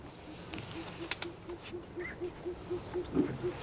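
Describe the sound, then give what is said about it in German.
An owl calls on a full-moon night during a canoe trip, a steady series of evenly spaced low hoots repeating quickly throughout, fairly soft against a rustling outdoor background with a few brief higher chirps. “Eine Eule ist zu hören.”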